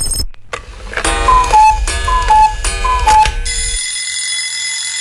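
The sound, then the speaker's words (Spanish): A loud alarm clock rings in three rapid, rhythmic bursts of clattering bell, then shifts into a steady, bright high-pitched ringing that continues to the end. No one speaks. “Si ya sonó el despertador, no te hagas el dormilón.”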